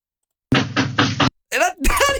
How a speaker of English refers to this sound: Wow. That's an assertive, confident knock, isn't it? Four knocks. That is an unnerving knock. If you receive that knock, that to me says you're in trouble. That's not a welcoming knock.